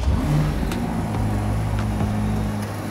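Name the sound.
twin-turbo V8 engine revving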